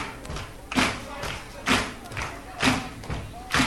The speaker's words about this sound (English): Let me hear a little foot stomping. Remember that?